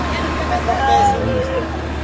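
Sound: roadside traffic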